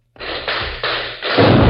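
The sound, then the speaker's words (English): Cannon fire booms from a wood in a rapid series of four or five loud blasts, each rolling into the next as a continuous, rumbling roar, with a cloud of smoke above the trees and no voices present. “There are more cannon. Must be an army in that woods.”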